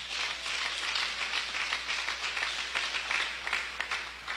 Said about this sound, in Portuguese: Palmas para Jesus.